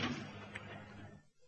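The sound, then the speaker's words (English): A door swings shut with a dull, heavy knock, its muffled, reverberant rumble fading away over about a second amid quiet, with no voices. “The door. What do you want to go and do that for?”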